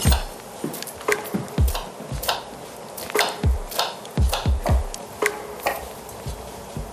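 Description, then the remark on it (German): A knife chops food on a wooden cutting board in quick, uneven bursts of crisp thuds. There is no talking, only faint kitchen background between the strokes. “wenn zwei kochen, sollte auch ein zweites Schneidebrett da sein.”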